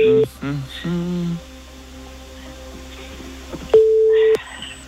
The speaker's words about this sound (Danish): Fedt, to sekunder. Så ringer vi lige her.